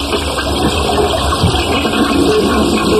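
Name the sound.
toilet flush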